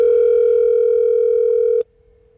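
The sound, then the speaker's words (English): A single loud, steady telephone ringing tone plays on an outgoing call from radio station LA FM to its classic superset winner, holding one buzzy pitch for almost two seconds before cutting off abruptly into near silence. “We need to ring our classic superset winner of $100 for this week.”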